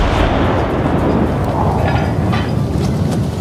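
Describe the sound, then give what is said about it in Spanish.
A celebratory cannon shot, fired by lighting a fuse aboard a ship, heard as a loud, deep rumbling roar that fills the whole moment without fading, heavy, with no voices over it. “Así que, cegado por la felicidad, encendió una mecha y disparó un cañonazo de celebración.”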